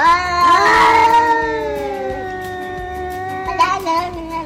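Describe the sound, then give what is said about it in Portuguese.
A cat meows gently, asking for Danone yogurt, in a long, drawn-out, plaintive cry, followed by a second shorter meow, both clear with no talking over them. “É, o gato voltou lá, mas voltou mansinho, pedindo Danone.”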